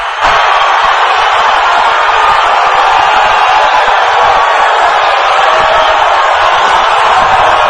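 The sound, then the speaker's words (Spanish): A large stadium crowd applauds and cheers in a steady, loud roar of dense clapping that holds without a break for several seconds, with no speech over it, as Carlo Ancelotti names Neymar in the Brazil squad. “Estos aplausos son para la convocatoria de Neymar.”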